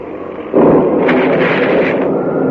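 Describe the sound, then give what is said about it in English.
A lightning bolt strikes a seaplane, smashing it to pieces on fire, with a sudden, loud, explosive crack followed by a sustained, crackling roar that surges briefly and keeps rumbling heavily to the end. “Great heavens, lightning. Both of lightning struck the plane and smashed to pieces on fire.”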